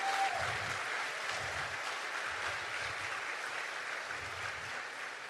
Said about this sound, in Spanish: Denle un aplauso a la gloria de Jesucristo. Fuerte el aplauso a la gloria de Dios.